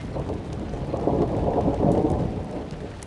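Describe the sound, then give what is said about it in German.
Steady, heavy rain hisses throughout while a deep, rolling rumble of thunder swells in the middle and slowly fades. A loud thunderstorm with no voices. “Kann auch eine lokale Gewitterzelle sein.”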